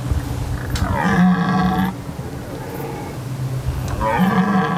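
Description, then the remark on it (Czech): A European red deer stag bellows twice, each call a deep, drawn-out, throaty roar lasting about a second, with a short pause between. The calls are loud, with no talking. “Na rozdíl od Jelena Evropského, kterého si teď můžeme poslechnout, to je něco jiného.”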